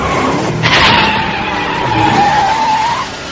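A car approaches, its tires skidding with a loud, drawn-out squeal lasting about three seconds over a rough engine and road roar, with a harsher burst near the start and no voices.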